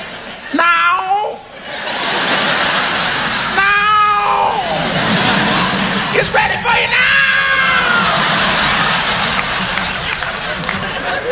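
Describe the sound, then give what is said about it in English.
A man's voice imitates cats yowling while mating, drawn-out wavering wails in three loud bursts, while a crowd laughs and cheers steadily underneath. “You never see cats making love. Oh, yeah, you can hear.”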